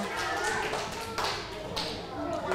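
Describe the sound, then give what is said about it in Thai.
A group of children clap their hands for group 3 of their class after a correct answer, a quick, dense patter that runs steadily for a couple of seconds, moderately loud, with faint voices mixed in. “ถูกต้องค่ะปรบมือให้กลุ่มที่3หน่อยค่ะ”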